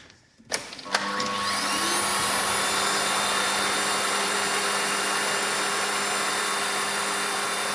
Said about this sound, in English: It seems vaguely familiar. Could it be vacuum cleaners? 100% right.